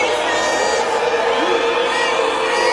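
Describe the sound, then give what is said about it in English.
A loud, dense crowd of Democratic protesters shouts and yells continuously, including "racist", many overlapping voices blending into a sustained roar with occasional higher whoops rising above the din. “the mental Democrats are out there screaming and yelling”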